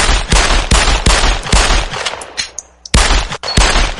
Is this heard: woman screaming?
no